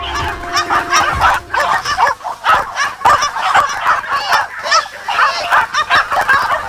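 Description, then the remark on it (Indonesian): Dozens of hunting dogs bark and yelp nonstop in a dense, overlapping chorus, loud, with no pauses and no talking, as hunters spread out for a wild boar hunt in West Java, Indonesia. “Puluhan anjing pemburu pun terlihat mulai tidak sabar dan terus menggonggong tiada henti.”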